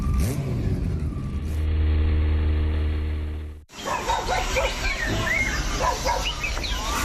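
A motorcycle engine drones loud for a few seconds as the rider speeds off on it through a sheepfold gate, its steady rumble building slightly, then cuts abruptly to busy outdoor ambience with birds chirping and a dog.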